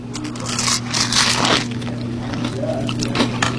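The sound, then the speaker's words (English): Crunchy bites into a crusty deep-fried butter tart, with crackling and squishy chewing noises over a steady low hum, no talking. “I'm just going to take one more little bite, just to see, just so I can get more of the inside.”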